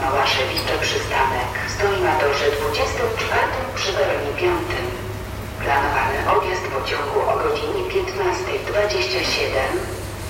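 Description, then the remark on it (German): Busy railway platform ambience at Berlin-Lichtenberg station in Berlin, with a steady low mechanical hum, rumbling and indistinct voices of people talking throughout, fairly loud and continuous. “Die Krähen schwingen hier ihre Flügel über die Bahnsteige. Auf dem anderen Gleis, wenn gerade die Mülleimer leer macht.”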